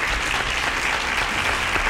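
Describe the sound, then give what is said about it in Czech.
A crowd applauds a correct quiz answer, a dense, even wash of many hands clapping at once, sustained at a constant loud level for the whole stretch with no voices on top. “Ano, potlesknutí za vámi.”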